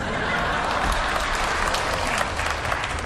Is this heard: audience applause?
yes